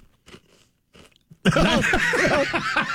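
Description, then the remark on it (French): A potato chip being bitten and chewed: after a quiet moment with a few soft rustles, loud, dense crunching starts abruptly and continues steadily to the end. “Va manger une chip.”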